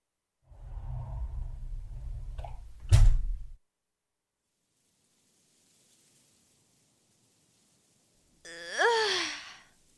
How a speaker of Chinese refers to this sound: 真是一场酣畅淋漓的学习啊。 如果你没有打呼的话，我就信了。